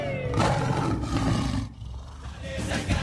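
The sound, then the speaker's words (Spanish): A loud big cat roar, a deep rumbling growl sustained for over a second, then easing off before a shorter second roar rises at the end, with no talking. “El rugido, por supuesto, que se va a sentir y se va a escuchar fuerte en este Mundial 2026.”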